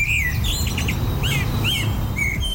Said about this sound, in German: Die Amsel ist also die Nummer 1 Zwitschervogel.